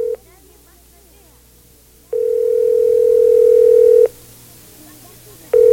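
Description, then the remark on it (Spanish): A loud telephone dial tone as someone places a call to a man: a steady electronic hum that briefly sounds, drops out, returns for about two seconds, then cuts off and starts again. “Voy a llamarlo por teléfono.”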